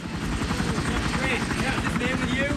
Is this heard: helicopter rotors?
yes